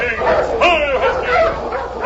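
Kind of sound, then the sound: animal, sled dog team barking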